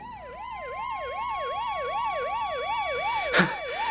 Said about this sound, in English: Did you hear that ambulance just now?